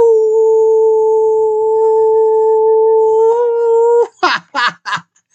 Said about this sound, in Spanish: Entonces, pues con más razón, otro gran aullido a mi querida Fanny.